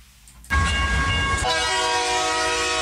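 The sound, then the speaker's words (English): A train sound effect: a train suddenly rumbles in loud, then a steady multi-tone horn blares over the clattering rumble and holds to the end. No one speaks. “Hi, join me every Monday from 6 a.m. for my program, Sandy's Triple B Music Train.”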